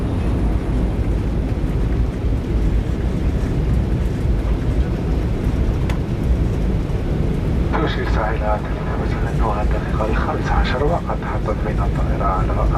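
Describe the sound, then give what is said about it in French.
A steady, loud roar of an airplane on landing approach to Mohamed Boudiaf Airport in Constantine in the afternoon fills the whole stretch, heavy low rumble throughout, and from about midway muffled voices talk over the engine drone. “Anflug auf Konstantin. Es ist Nachmittag. Landung am Flughafen Mohamed Boudiaf.”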